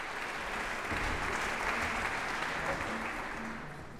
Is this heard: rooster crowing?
no